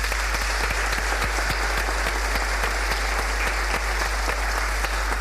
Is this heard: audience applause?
yes